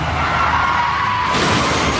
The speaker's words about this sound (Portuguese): Chefe está capotando.